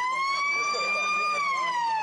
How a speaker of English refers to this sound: As the siren sounds, Waffle returns. Beautiful day here at Claremont.